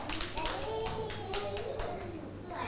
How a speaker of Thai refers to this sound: โอ้โหสวยมากๆเลยค่ะเด็กๆเก่งมากเลยเอาปรบมือให้